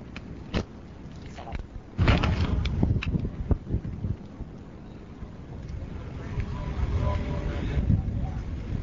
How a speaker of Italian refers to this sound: E ora interrompo perché voglio scartare il gelato.